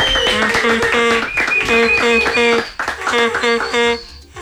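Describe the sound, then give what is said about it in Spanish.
At Tropicana in Armenia, a group claps steadily while voices cheer and shout in loud, rhythmic bursts to welcome John Alex Castaño, with a short dip before the noise picks up again. “Como hay el comité de aplausos.”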